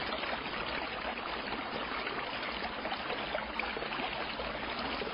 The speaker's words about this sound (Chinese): 我支起耳朵倾听，果然在不远处水声潺潺，看那方位是在寝殿后边